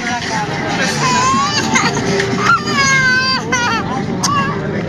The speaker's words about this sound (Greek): Αυτό είναι έξω από την εκκλησία. Έξω από την εκκλησία, στη Νίκαια. Ακούστε το μωρό, μία και μισή το βράδυ. Ακούστε, μπράβο, χειροκροτάνε, ναι. Το μωρό κλαίει. Το μωρό κλαίει.